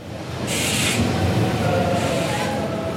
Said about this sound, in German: Mit einem ICE aus Leipzig, der am 26. Mai um 18.03 Uhr langsam auf Gleis 6 einfährt, ist er eröffnet, der Berliner Hauptbahnhof.